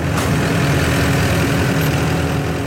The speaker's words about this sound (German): Die Maschine fräst 2 cm dicke Rasenbahnen ab. Die kommen auf ein Palett, parat fürs Verladen.